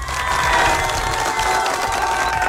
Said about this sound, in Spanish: Ahora sí, fuerte los aplausos para la cumpleañera.